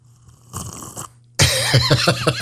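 Someone slurps a drink: a soft airy draw first, then a loud, wet, gurgling slurp with a wavering squeaky whistle and quick bubbling pulses. No one speaks.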